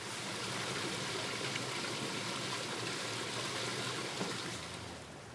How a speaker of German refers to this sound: Aus großer Höhe rieselt die Sohle über die Schwarzdornäste herab. Dabei zerstäubt die Sohle an den Reisigspitzen.